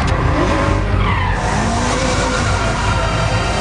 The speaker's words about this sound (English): Tandem drifting. It's another world. It's control under pressure. You got someone breathing down your neck.